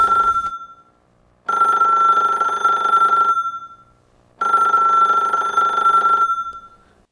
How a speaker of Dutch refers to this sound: Oh, telefoon.